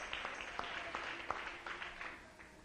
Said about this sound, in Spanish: Dale un aplauso al Rey, aleluya.